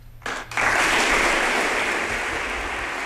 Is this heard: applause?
yes